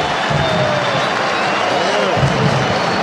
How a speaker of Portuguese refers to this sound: Receberam muitos aplausos.